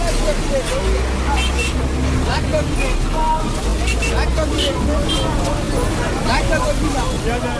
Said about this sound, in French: Comme chaque jour à midi, le marché central de Batalimo s'anime. Ici, le commerce de la viande de bouse se déploie dans une agitation intense. Au sol, des sacs plastiques et des paniers débordent de gibier fraîchement abattu.